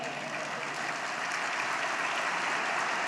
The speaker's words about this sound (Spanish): Denle mejor aplauso al Señor.